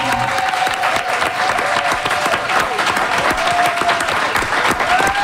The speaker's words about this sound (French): Et on a eu envie de recevoir Stephen Guilbeault, député libéral sortant de Laurier-Sainte-Marie, et Manon Massé, députée solidaire sortante de Sainte-Marie-Saint-Jacques. On les applaudit!